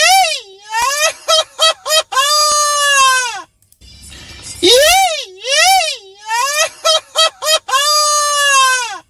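A loud Mexican huapango grito: a man's high, warbling yells in a string of repeated bursts, the pitch swooping up and down, broken once by a short rush of noisy breath midway.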